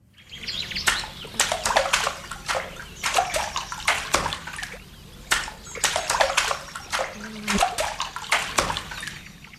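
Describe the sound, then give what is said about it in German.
A rhythm beaten with a paddle on water: a pattern of splashes and slaps repeating in quick irregular clusters over a steady sloshing background, with no voices. “Ihr müsst übrigens kein Paddel dazu verwenden, ist ja klar.”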